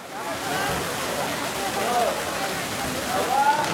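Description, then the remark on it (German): A steady, loud rush of water gushing from a thick pipe into an ancient water basin turned leisure spot in the Jordan Valley, continuous, with faint voices in the background as young people jump into the pool. “Aus einem dicken Rohr schießt Wasser in das Becken, Jugendliche springen hinein.”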